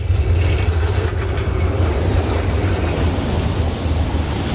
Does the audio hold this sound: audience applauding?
no